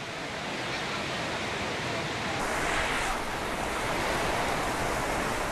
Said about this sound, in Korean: 도시에 갑작스레 폭우가 쏟아집니다. 라오스의 우기에는 소나기 같은 스콜성 폭우가 잦습니다.